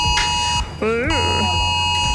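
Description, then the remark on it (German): A smartphone emergency warning alert blares at 11 o'clock on Germany's nationwide warning day, a loud, harsh, steady buzzing tone held throughout, with a brief voice-like sound rising and falling over it midway. “Haben sich viele gefragt, als das Smartphone das Signal gegeben hat.”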